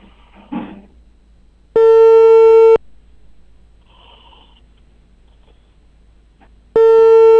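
A telephone ringback tone sounds twice, each a steady electronic tone lasting about a second, separated by a long pause of near silence with faint background noise, as a call to the Tujue County civil affairs bureau connects during a live Inner Mongolia Radio and TV broadcast.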